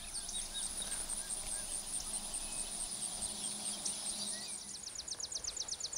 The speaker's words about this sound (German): Es summt und brummt.